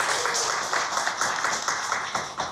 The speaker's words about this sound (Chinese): 让我们用最热烈的掌声欢迎山崎老师，欢迎您。